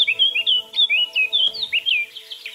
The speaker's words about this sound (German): Wie heisst denn der Vogel, der jetzt hier auf Platz 1 ist? Das ist jetzt neu die Mönchsgrasmücke. Die Mönchsgrasmücke.